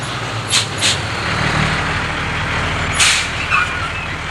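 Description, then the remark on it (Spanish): A heavy truck in a city warehouse district: its engine rumbles low and steady while sharp hissing bursts of air brakes cut through, two quick ones early and a louder one near the end, with no voices. “¡Camión! ¡Camión! ¡Gente, por favor, paren!”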